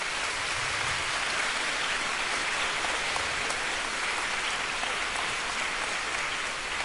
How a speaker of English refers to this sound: Thanks to all the teachers, please give them a round of applause.